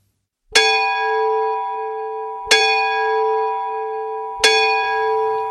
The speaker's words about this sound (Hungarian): Indultam harangozni, keresztapa nélkül.